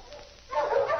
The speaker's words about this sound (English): Barking! Well, I wonder if Billy's staying with Jules or something. Well, there's no light. That sounds like Flash.